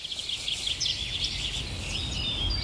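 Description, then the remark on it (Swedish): A dense chorus of birdsong from many different species, broadcast during Swedish radio P1's Fågelsångsnatten, fills the air, with overlapping trills, chirps and whistles, continuous, over a low background rumble. “En natt fylld av drillar, visslingar och sång från mängder av olika fåglar.”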